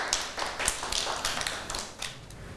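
A group of children clap their hands for a classmate at their teacher's prompt, a quick, uneven patter of sharp claps running steadily for a couple of seconds with no voices over it.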